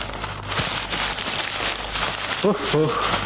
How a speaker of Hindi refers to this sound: कागज की परत पर परत निकलती आ रही है, देखो ना। तस्वीर का कहीं नामो निशान नहीं। जी, आपको बेवकूफ बनाया है उसने, इसमें तस्वीर असीर कुछ नहीं, पैकेट में कागज ही कागज भर दिए हैं। ये आठवीं परत हो गई, ये क्या मजाक है?